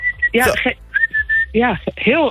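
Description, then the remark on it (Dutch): A loud human whistle used to call cats inside, in a series of sharp bursts, some held on a steady high note and others swooping up and down in pitch. “Het is een fluit die ik gebruik om de katten naar binnen te halen.”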